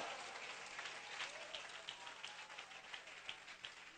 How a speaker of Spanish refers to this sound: Vamos, aplauda al Rey de Gloria.